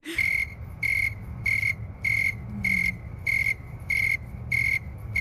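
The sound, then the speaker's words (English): A snowy tree cricket chirps steadily in an even, rhythmic series of about nine clear, high pulses over a faint low background hum. “So this is the snowy tree cricket making those chirps, and I've cut the audio down to about 25 seconds.”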